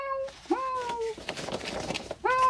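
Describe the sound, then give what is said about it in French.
Mishka the cat meows three times, fairly loud, with drawn-out rising and falling cries; a brief rustling, scratchy noise fills the gap before the last meow, which cuts off. “Tiens, voilà Mishka le chat. Tu l'entends?”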